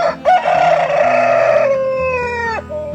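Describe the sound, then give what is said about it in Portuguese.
A rooster crows once on a Rádio Terra Gaúcha time announcement, a loud, long drawn-out call that holds steady then drops off sharply at the end, with a low steady hum underneath. “Enquanto este galo canta,”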